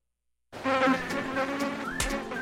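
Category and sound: insect, mosquito buzzing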